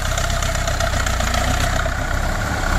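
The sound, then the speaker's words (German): A red Russian-made MTS-50 diesel tractor engine idles steadily, a loud, continuous low rumble with a fast chugging pulse and no voices over it. “Das ist doch ein MTS. Ein 50er.”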